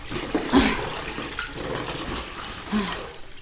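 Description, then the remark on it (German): Hot water for a second bath pours and splashes steadily into a tub, a continuous rushing, gurgling wash with a few louder sloshes, fairly loud, with no talking. “Hier ist heißes Wasser für das zweite Bad.”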